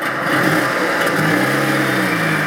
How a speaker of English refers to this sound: The response, for increasing numbers here and across Europe, is to reject net zero, rev up defensively their petrol cars, and applaud politicians who tell them noisily that the green revolution is not the road to take.